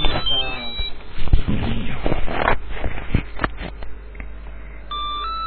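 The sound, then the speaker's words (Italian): An incoming call's phone ringing tone sounds briefly at the start of a live radio broadcast and returns near the end, thin and electronic, with muffled clattering and rustling noise filling the gap between. “Abbiamo una telefonata.”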